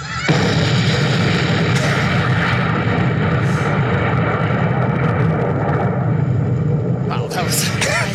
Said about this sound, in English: That's it. It's just a long explosion that trails out over time.